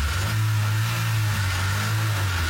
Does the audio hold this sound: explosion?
no